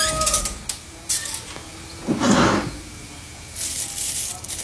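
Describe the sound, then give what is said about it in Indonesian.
A drawer slides open with a brief wooden rasp near the middle, surrounded by soft rummaging and rustling as someone searches for a notebook among many envelopes in the drawer, then a hissy shuffle toward the end. Moderately loud, no talking. “Di laci kok malah banyak amplop kayak gini.”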